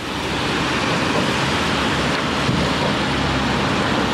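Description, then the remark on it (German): Strong wind blows steadily across a bridge over the Váh river in Trenčín, western Slovakia, a loud, unbroken rushing roar with gusty buffeting against the microphone, continuous for the whole stretch with no voices. “Windig ist es hier auf der Brücke, aber der Blick ist berauschend.”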